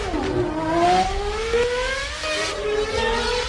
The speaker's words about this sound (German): Ich hatte schon gesagt, Red Force, eine 112 Meter hohe Achterbahn, die nur 5 Sekunden auf 180 km/h hoch beschleunigt. Die höchste und der schnellste Achterbahn Europas, erklärt Luis Valencia, der technische Direktor des Parks.